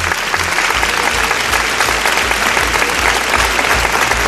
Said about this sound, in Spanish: No sé si le habéis dado un aplauso, que se lo merece.